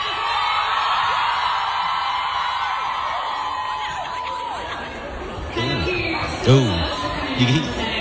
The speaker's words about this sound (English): you hear the crowd sort of start cheering or ooing as someone attacks Zane as he's leaving the stage